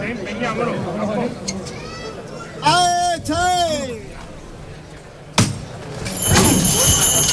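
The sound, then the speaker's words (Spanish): Street procession on the eve of Corpus Christi in Seville: a crowd murmurs and voices call out, one drawn-out shout rises above them, a sharp thud lands, then the high, bright small bells of the canopy of the Virgen de la Iniesta Gloriosa ring over the chatter. “Los sonidos de la víspera del Corpus Christi en Sevilla, las campanillas del baldaquino de la Virgen de la Iniesta Gloriosa, para toda Andalucía, para todo aquel que nos esté escuchando este paso clásico del Corpus de Sevilla.”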